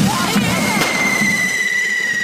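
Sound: firecrackers exploding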